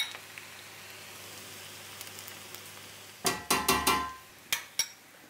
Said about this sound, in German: Wir braten jetzt in der ziemlich trockenen Pfanne bzw. in unserem ziemlich trockenen Topf, braten wir jetzt unser Gemüse mit dem Fleisch und geben dann erst unser Tomatenmark dazu.